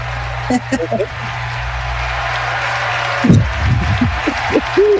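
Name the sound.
played applause sound effect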